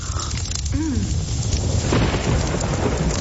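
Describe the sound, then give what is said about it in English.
Heavy winter rain pours in Victoria in a steady, dense hiss while deep thunder rumbles underneath, swelling louder partway through. No voices. “Kind of pouring.”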